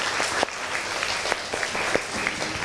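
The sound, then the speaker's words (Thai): A class of students claps steadily to encourage a classmate, with dense overlapping claps and a few sharper individual hits standing out, moderately loud. “ก่อนอื่นปรบมือให้กำลังใจเพื่อนหน่อยเลย”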